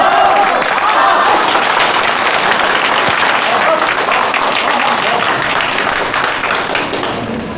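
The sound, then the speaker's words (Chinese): An audience applauds steadily for several seconds for a colleague invited to tell how she matched three years of others' sales results in under three months; a dense, loud wash of many hands clapping at once that eases off slightly toward the end. “来跟我们讲一讲如何入职不到三个月拿下别人三年的业绩，鼓掌。”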